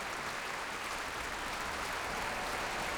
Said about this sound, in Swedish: En stor del av publiken här i Bävalhallen står upp nu faktiskt och applåderar. Och det är fullsatt. Det är fullsatt både på scen och fullsatt på parkett och på balkonger.